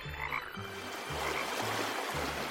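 A frog croaks in a steady series of deep, buzzy pulses, about five in a row at an even rhythm, moderately loud with no voices.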